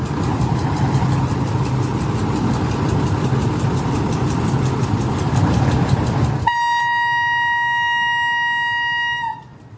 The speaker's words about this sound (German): dann demonstrier uns doch mal die Pfeife, die funktioniert nämlich auch mit Druckluft